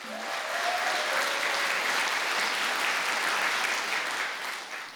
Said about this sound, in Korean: 유연하면서도 역동적인 무대를 잘 표현해준 수원 태견 전수관 친구들에게 다시 한번 큰 박수 부탁드립니다.